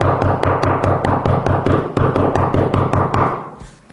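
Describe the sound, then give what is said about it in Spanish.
Rapid, forceful knocking pounds on a door in a relentless stream of heavy blows, loud, continuing for several seconds before trailing off. “No sé si a ustedes les ha tocado que les toquen la puerta de una manera como si estuviera el diablo afuera, ¿no?”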